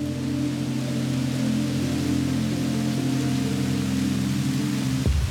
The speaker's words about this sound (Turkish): Şelalenin dibine geldik.